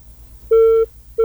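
A telephone busy tone after a phone-in call drops: steady electronic beeps with a pure pitch, one lasting about a third of a second, then a pause before the next begins, loud over a faint low hum.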